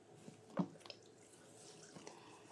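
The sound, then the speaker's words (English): Unsweetened almond milk poured into a mixing bowl while making quinoa waffles, heard as a short, soft splash and a few quiet drips and trickles, fairly faint, with no talking. “And then we're gonna have the unsweetened almond milk.”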